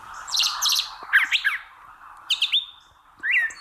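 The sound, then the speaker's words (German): A songbird that can produce two different tones at once, singing two-part with itself, sings four short bursts of high, bright, warbling phrases, some with two tones sounding at once, separated by brief pauses over a soft steady hiss; no one speaks. “Also solche Vögel, die können deswegen auch mal zwei verschiedene Töne quasi gleichzeitig erzeugen und gewissermaßen zweistimmig mit sich selbst singen.”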